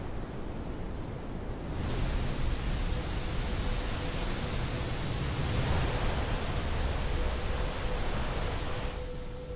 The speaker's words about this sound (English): Iguazu, on the frontier between Brazil and Argentina. These are the largest waterfalls on the planet. Thousands of tons of fresh water thunder over them every second.